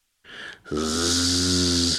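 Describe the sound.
A child imitates a kamikaze drone with her voice: a short buzzing burst, a brief break, then a loud, steady, raspy drone held for over a second.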